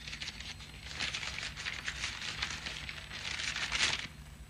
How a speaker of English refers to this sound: Something wrapped in paper. Here it is. Unwrap it